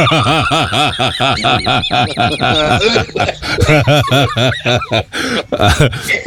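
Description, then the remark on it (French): A person fakes a run of loud coughs, a rapid series of voiced, croaking bursts that blur into snickering laughter for several seconds. “Ouais, bon, enfin, faites analyser cette eau-là, déjà que t'es pas bien gaillard, alors si en plus de ça, tu nous chopes une je sais pas quoi, une infection, là, t'es déjà en train de tousser, là, comme un mec qui s'est baigné dans la piscine à papa.”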